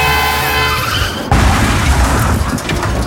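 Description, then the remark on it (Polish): A car's tires screech in a long, tonal skid lasting over a second, then a loud impact crashes in with crunching, clattering debris that rattles on until the end. “No i stało się. Spokojnie, takie sytuacje się zdarzają. Ultima Auto zajmie się Twoim autem kompleksowo.”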